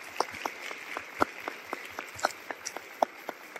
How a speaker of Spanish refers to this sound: Y por favor, un aplauso para